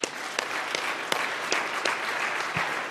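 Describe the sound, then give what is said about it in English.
An audience applauds Bob Pittman, chairman and CEO of iHeartMedia: a steady, dense wash of many hands clapping at moderate loudness with a few sharper individual claps popping out, no voices over it. “Yeah, clap for that.”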